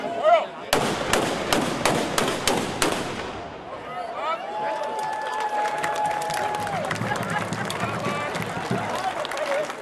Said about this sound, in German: Mit einem Böllerschießen gab die Schützengilde Zerbs den Startschuss für das Heimat- und Schützenfest 2026.